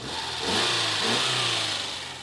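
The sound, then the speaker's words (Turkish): A 1.5-litre, 105-horsepower twin-carburettor car engine, on a car with 123,000 km, left running with the bonnet open, gives a loud continuous rumble with a low throbbing hum that swells slightly midway, with no voices over it. “Şuna baksana, 1,5 litrelik bir motor. 2 karbüratör. Motor 105 beygir gücünde ve sesi de işte böyle.”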